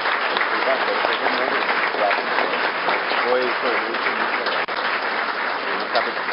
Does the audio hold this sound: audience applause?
yes